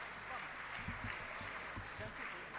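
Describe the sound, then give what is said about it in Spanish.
A crowd at the Festival Cantar Opinando applauds steadily for the festival's organizers, a dense wash of clapping that holds at an even, moderately loud level for a few seconds, with some murmuring voices mixed underneath. “Así que un fuerte aplauso para ellos, por favor, que son un poco los artífices de estos tres días del Festival Cantar Opinando.”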